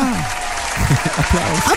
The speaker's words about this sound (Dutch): Applaus.